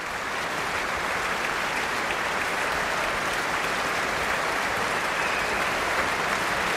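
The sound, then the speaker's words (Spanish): Dense, steady applause from a large crowd in the main hall of the Concertgebouw in Amsterdam for conductor Duncan Ward and the South Netherlands Philharmonic after Stravinsky's Petrushka suite, a continuous wash of many hands clapping at an even loudness throughout, with no voices standing out. “Estamos escuchando los aplausos para Duncan Ward, que dirigía a la Phil South, la Orquesta Filarmonía del Sur de los Países Bajos, en la gran sala del Concertgebouw de Ámsterdam el pasado 1 de julio,”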